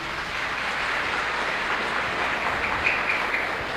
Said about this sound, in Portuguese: Aí, ó, uma salva de palmas para todo mundo.